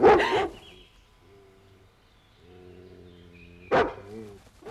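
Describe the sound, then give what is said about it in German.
A feral dog that everyone is hunting barks loudly and sharply, then lets out a long, wavering howl before a second loud bark and a brief trailing howl; eerie, with no talking. “Irgendein wildender Hund, hinter dem alle her sind.”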